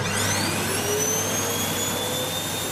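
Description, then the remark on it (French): A loud, steady motor roar with a high whine that rises in pitch, like a vacuum cleaner running up to full speed, with no voices. “La réponse, c'est aspirateur. Ah, mais oui, l'aspirateur.”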